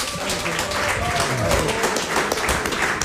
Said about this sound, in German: Erstmal einen donnernden Applaus